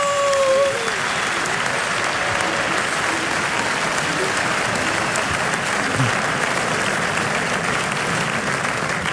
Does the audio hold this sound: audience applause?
yes